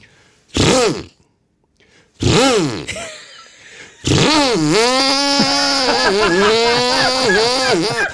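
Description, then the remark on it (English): A voice imitates a chainsaw: two short sputtering revs, a pause, then a long buzzing drone that wavers up and down in pitch, loud and steady to the end. “Is that a chainsaw, sir? Yeah, spot on.”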